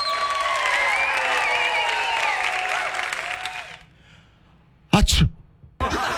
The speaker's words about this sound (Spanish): Un estornudo, güey. Un estornudo.